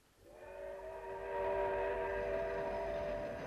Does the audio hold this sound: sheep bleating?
no